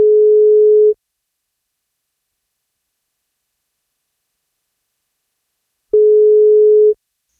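A telephone ringback tone as radio station 1FM phones a listener for a birthday wake-up call: two steady one-second beeps separated by about five seconds of silence, clear and fairly loud on the line, with no voices.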